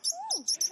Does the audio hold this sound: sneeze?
no